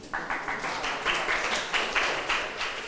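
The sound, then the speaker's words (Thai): A group of students claps together for a classmate for a few seconds, a dense, steady patter of many hands at moderate loudness with no voices over it. “นักเรียนค่ะปรบมือให้เพื่อนหน่อย”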